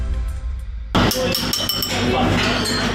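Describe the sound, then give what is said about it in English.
A pencil taps pottery at Portmerian Group, a traditional British pottery firm, in a quality-control ping test for cracks: several quick, uneven light strikes, each giving a bright ringing ping that lingers, after a quieter low hum at the start. “The ping test, a tap with a pencil to check for cracks.”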